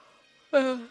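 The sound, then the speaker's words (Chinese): A short, voiced yawn rises suddenly after near silence and trails off with a steady, slightly falling tone in under half a second. “我想跟你们解释为什么我怎么老是打哈欠”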